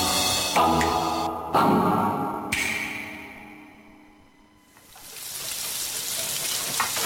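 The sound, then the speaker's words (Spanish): A few metallic clanks ring out, the sound briefly dies down, then potatoes are dunked into hot fryer oil and a loud, steady crackling sizzle fills the rest, continuous, with no voices. “sumerge las papas en la freidora. Chillan igual que la piel de su mano al recibir el tacto del aceite hirviendo.”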